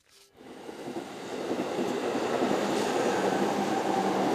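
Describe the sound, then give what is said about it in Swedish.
A train bound for Sweden rumbles along the rails, its steady roar swelling after a brief quiet start and holding at a fairly loud, continuous level with a faint rhythmic clatter underneath. No one speaks. “Ja, för redan nästa morgon ska de sätta sig på tåget mot Sverige,”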